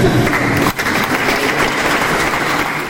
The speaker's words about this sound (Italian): Applauso, applauso, e siamo qua ancora.